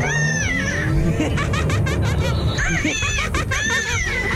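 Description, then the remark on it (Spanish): A strained, wavering rooster crow that comes out sounding like a cat's yowl, rising and falling in several drawn-out bursts over a steady background murmur and some snickering laughter. “Oye, ese gallo como que amaneció medio raro, ¿no?”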